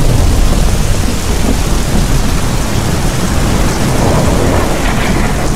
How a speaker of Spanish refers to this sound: La lluvia no había parado. El cielo parecía podrido.